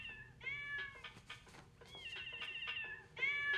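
A cat meows repeatedly in drawn-out, wavering cries, several overlapping calls with short breaks between them and no talking.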